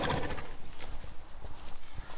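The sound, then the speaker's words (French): Horses' hooves clip-clop steadily on a hard surface as the horses walk, a string of uneven knocks, with a brief whinny-like sound near the start and no talking. “Comme nous sommes avec des chevaux là, et non, non, non, non, ils ne sautent pas de branche en branche.”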